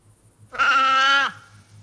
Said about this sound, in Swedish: Nej, men det skulle kunna vara en älg som bräk. Nej, men det är okej då. Det där är en säl. Det var en säl. Det var en sälkut.